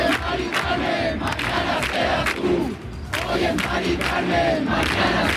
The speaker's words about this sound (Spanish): Es el grito en la Plaza de la Encarnación de Sevilla, el grito de los acampados en demanda de vivienda digna y asequible